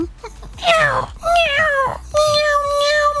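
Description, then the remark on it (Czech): A person imitates a cat that was accidentally locked in a garage, meowing through the garage, giving three drawn-out, wavering meows in quick succession, fairly loud, with nothing else going on around them. “No nic se nestalo, zaplať pán Bůh, nic se nestalo, já jsem jí potom jako slyšel, jak mňouká přes garáž, vždyť jak to znělo, můžeš ukázat posluchačům?”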